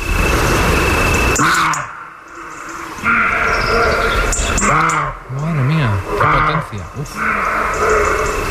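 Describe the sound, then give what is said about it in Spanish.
A roe deer barks at night in the Riaza river canyon, about 15 metres from the microphone: several hoarse, forceful barks ringing out with strong echoes off the canyon walls, spaced a second or two apart, while a person speaks quietly in between. “Ahí de noche, pues en el Riaza, que se acerca de noche, un corzo está ladrando y ladra dentro de una enorme caja de resonancia.”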